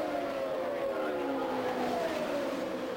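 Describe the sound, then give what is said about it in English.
Race cars at the Indianapolis Motor Speedway, car 12 leading car number 9, drone at high pitch, their tones sliding steadily downward as the cars sweep past, forming a continuous whine with several overlapping engine notes. “the Gould Charge, car 12 leading car number 9 at the Indianapolis Motor Speedway.”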